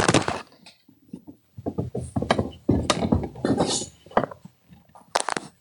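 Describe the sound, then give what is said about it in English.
A phone is knocked off a couch, followed by a series of sharp clattering knocks and scrapes, with hard object-on-surface impacts and fumbling over several seconds, loud and irregular. “I just knocked my phone off the couch.”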